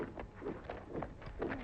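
In a film, the footsteps of several German patrol soldiers tramp along a street in an uneven rhythm, muffled and fairly faint, with no voices.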